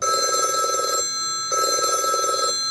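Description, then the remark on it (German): A steady electronic telephone ringtone, the alarm signal of the baby hatch in Karlsruhe telling volunteers the hatch has been opened, pulses in two bursts of about a second each, separated by a short pause, loud with no voices. “Für viele Menschen nur ein Klingelton. Für die ehrenamtlichen Mitarbeitenden der Babyklappe in Karlsruhe ein Alarmsignal.”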